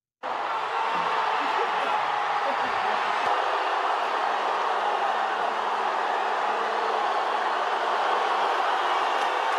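A huge crowd of thousands of Portuguese fans in Toronto roars and cheers loudly during the World Cup as a man comes out and shows his face to them, a dense, continuous wall of noise that bursts in almost at once and holds steady for about nine seconds without letting up.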